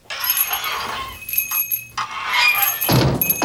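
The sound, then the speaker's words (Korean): A small bell hanging on a door jingles brightly as the door is opened from outside, its shimmering metallic ring lasting several seconds with a few renewed shakes and a soft knock near the end, heard alone. “문에 달아놓은 종이 맑은 소리를 내며 울렸다.”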